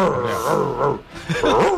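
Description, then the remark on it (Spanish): A person vocally imitates an angry monkey with loud, harmonic roaring screeches and grunting bursts, forceful, dipping briefly in the middle before surging again. “Mono cabreado.”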